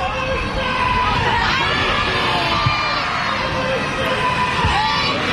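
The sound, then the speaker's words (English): A large baseball crowd at TD Bank Ballpark in Bridgewater roars steadily, many voices shouting and cheering together in the Somerset chant, fans yelling "Patriots", in a dense, continuous wall of noise that holds loud throughout. “They're calling for the Somerset chant here at TD Bank Ballpark in Bridgewater.”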